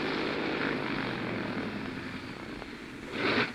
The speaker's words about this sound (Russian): Мотор чихает. Я над горами. Сесть не могу.